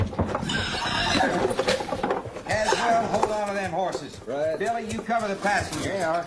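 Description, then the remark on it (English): Horses whinny repeatedly in loud, rising-and-falling calls over a busy clatter of hooves clopping, with voices mixed into the commotion. “Horses.”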